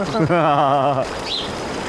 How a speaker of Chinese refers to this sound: 其实那些溪流的声音就跟鸟儿的声音就挺像的，他们也是吱吱吱吱吱吱。